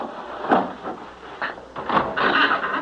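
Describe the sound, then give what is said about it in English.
A wooden bolt that fastens a door knocks and scrapes back in a few sharp clunks as it is pushed open, followed by the door of an abandoned building grinding open with a longer dragging creak, moderately loud. “Now, come on, I'll push open this wooden bolt that fastens the door.”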